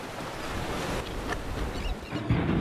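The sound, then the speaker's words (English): The Yellow River's water rushing and surging in Ningxia in a steady, dense roar, fairly loud, with a slight swell near the end and no voices. “In the course of its winding and wending across Ningxia, the Yellow River is turbulent in some places and tranquil in others.What's more, the Yellow River changes in terms of appearance and sound as the seasons change.”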